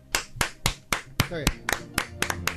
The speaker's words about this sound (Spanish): A ver cuántos aplaudimos.